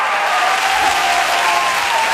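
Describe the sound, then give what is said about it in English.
A crowd applauds loudly and steadily for a couple of seconds, with women's high-pitched 'woo' cheers rising above the dense clapping. “That is what I like to hear. That is the lady cheer.”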